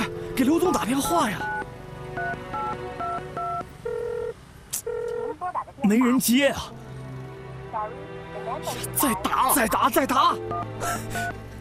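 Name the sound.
telephone being dialed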